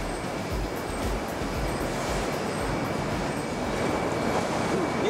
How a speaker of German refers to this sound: Das Waschen der Möhren. Die werden also ganz intensiv gesäubert. Das Wasser läuft über die Möhren. Und dadurch werden die sauber, dass sie aneinander reiben und Wasser dazu läuft.